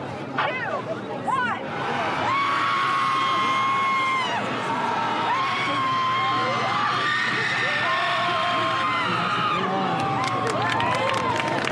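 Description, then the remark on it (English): A large crowd yells and screams together in a group guttural scream at a screaming contest, loud sustained bursts with many voices overlapping into a dense roar that stays intense for the whole stretch, with a few higher whoops rising above it. “Not only is there a group guttural scream, there's also a screaming contest with points for volume, duration, and style.”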